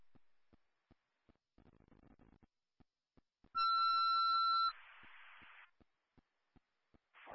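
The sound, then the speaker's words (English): A loud, steady electronic fire dispatch paging tone blares for about a second over radio static, followed by a burst of hiss, with faint regular clicks ticking throughout, as central dispatch pages fire station four to respond to a residential fire alarm. “Central Dispatch is paging station four to respond to a residential fire alarm”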